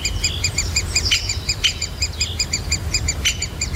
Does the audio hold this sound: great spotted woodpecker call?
yes